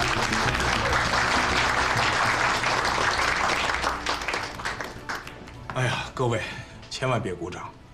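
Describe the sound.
A room full of people claps steadily in a dense, sustained wave of applause, which fades after about five seconds as a voice begins speaking.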